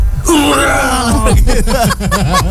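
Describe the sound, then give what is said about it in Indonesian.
A voice imitates a baby's cry with a rough, growling quality, starting as a long drawn-out wail and breaking into a series of quick, wavering sobs, loud. “Begitu ngegrol nangisnya dilempar.”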